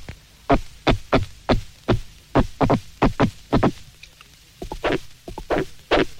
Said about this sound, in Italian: Abbiamo già sentito il pesce grugnitore e il pesce rospo. Ascoltiamo ora questo comune pesce cappone.